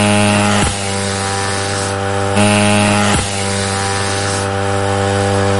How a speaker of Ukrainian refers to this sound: Останні приготування на злітній гул двигуна, і борт вирушає на завдання.